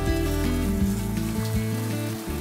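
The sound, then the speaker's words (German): Food sizzles steadily on a charcoal grill, a continuous crackling hiss with a low steady hum underneath and no one speaking. “Deine Patrons. Brutzeln sie schon? Die brutzeln hier nicht so richtig.”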